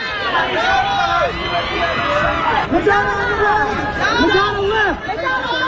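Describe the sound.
A dense crowd of photographers shouting over one another at people on a celebrity fashion event's red carpet last year. A steady, loud babble with raised calls and yells rising above the chatter throughout.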